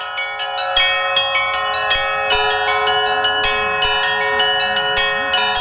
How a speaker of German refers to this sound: Eine Stadt mit vielen heiligen Orten, wie dem Verklärungskloster. Und wir folgen nun unserem Guide Alek und dem Glockenspiel von André.